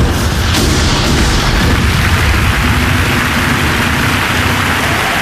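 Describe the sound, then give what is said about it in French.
Dense, continuous barrage of booming blasts and crackling bursts, loud and rumbling throughout with no pauses, like sustained gunfire and explosions in about 30 seconds of fierce combat in marshy terrain. “Après 30 secondes de combat acharné, l'ennemi s'est rendu dans un râle crépitant.”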